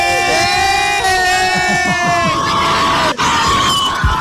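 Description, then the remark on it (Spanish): A loud crowd of school students shouting and cheering as class ends for recess on Teacher's Day, with high sustained screams and yells layered over a dense babble of voices, staying steady and boisterous throughout with a brief dip near the end. “Esa bulla que hicieron.”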